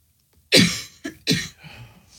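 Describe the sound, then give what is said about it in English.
A woman's loud cough, followed quickly by a shorter, softer cough and then another sharp one, with a faint breathy trail afterward and no talking. “She claims she can't reach the cough button.”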